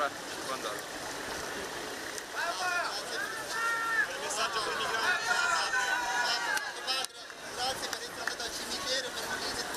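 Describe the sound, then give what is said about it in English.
A crowd of voices calls out and chatters at once, a steady babble with raised shouts of gratitude rising and overlapping, briefly dipping before picking up again; people in the crowd on Lampedusa thanking Pope Leo for his visit to the cemetery. “We hear people in the crowd thanking Pope Leo for his visit to the cemetery and the different important places of Lampedusa.”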